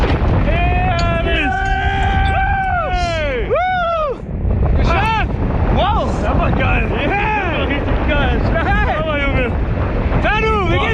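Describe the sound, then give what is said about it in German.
A loud, steady roar of rushing wind during a tandem skydive, in free fall after jumping out of the plane and before the parachute opens, fills the whole recording, with excited shouts and whooping voices rising and falling over it. “Was geht denn in einem vor, wenn man dann da im freien Fall ist und der Fallschirm noch nicht offen ist?”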